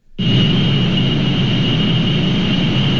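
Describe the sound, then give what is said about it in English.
A steady, loud mechanical drone of data center machinery kicks in abruptly and holds unchanged, a broad low rumble topped by a sustained high-pitched whine, with no voices. “If you live near one of the 3,000 data centers around the country, it might sound familiar.”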